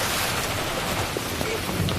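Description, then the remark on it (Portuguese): Steady, heavy rain with thunder pours down in Thailand during the rainy season, a dense, even hiss with a soft low rumble underneath, continuous throughout, with no voices. “A chuva é muito importante para as plantas.”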